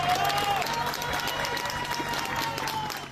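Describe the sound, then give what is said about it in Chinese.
Rescuers and residents applaud and cheer outdoors after a Spanish military emergency unit rescues a woman from a building that collapsed in an earthquake: dense steady clapping mixed with excited shouts and a whistle, loud and continuous for the whole few seconds. “而西班牙军事应急部队成功在一个倒塌的建筑中救出一名妇人，妇人被救出后被立刻送往医院救治，搜救人员与在场居民欢呼庆祝。”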